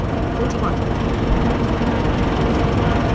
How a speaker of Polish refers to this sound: Tutaj słychać, że ten silnik na pewno pracuje inaczej.